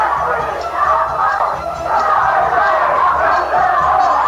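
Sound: women shouting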